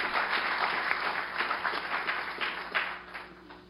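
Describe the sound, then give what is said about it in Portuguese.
A church audience applauds Jesus, a dense wash of many hands clapping steadily for several seconds, then thinning out and fading toward the end. “pode aplaudir a Jesus.”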